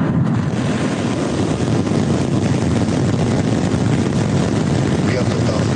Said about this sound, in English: SpaceX completed a successful test flight of its next-generation Starship rocket on Friday. 5, 4, 3, ignition.